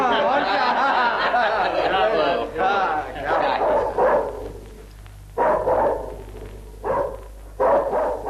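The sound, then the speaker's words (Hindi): A dog barks in a few loud bursts with short pauses between them, after a stretch of rough, harmonic yelping and growling. “फिर उस कुत्ते को फाटक पर ले जाकर बांध दो और राणा सांगा को बता दो कि अगर उसमें बहादुरी और जौमर्दी के जौहर हैं तो आकर उस कुत्ते को आजाद कर ले।”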